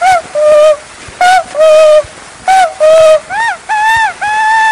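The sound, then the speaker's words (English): An imported Swiss cuckoo clock calls four times, each a loud two-note whistle with the second note lower, repeated in a steady rhythm over a faint hiss. “Now the next we've got here is an imported Swiss cuckoo clock”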